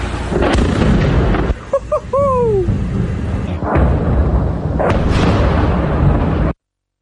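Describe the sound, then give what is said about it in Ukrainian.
Several heavy booms rumble through a loud, continuous roar, with a brief rising, whining tone between them: an explosion from a drone strike on the military airfield at Engels, base of strategic bombers. “Зараз взрив буде по-любому.”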